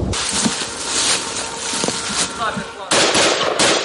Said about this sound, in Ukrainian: Чітко за розкладом, за 5 хвилин до 3 почалися знову пуски кабів, тож зараз до такого досить щільного дзищання дронів у небі доєднуються ще й гавкання від того, як лягають керовані авіабомби.